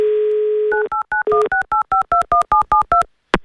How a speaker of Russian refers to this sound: Набрали его номер телефона.